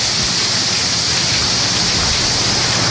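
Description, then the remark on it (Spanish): Heavy storm rain in the municipality of Murcia, where up to 44 litres per square metre fell in under an hour, pours down steadily in a dense, loud hiss that fills the whole clip, with a low rumbling undertone and no voices. “Así sonaba la lluvia.”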